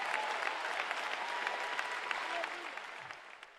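An audience at a worship service applauds the Lord together, a dense, steady wash of many hands clapping that holds strong throughout before thinning slightly at the very end.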